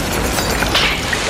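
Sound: explosion sound effect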